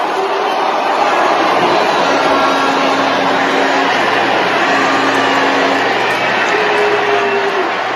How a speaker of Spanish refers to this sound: Ahí la están abuchando. La están abuchando. Es un abucheo grande, ¿eh?